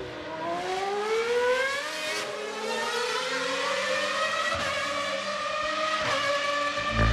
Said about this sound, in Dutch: Want ik ben nog wat genieten van de oude geluiden. Kijk, er komt weer een beetje Ferrari. Oh. Ja, lekker hoor.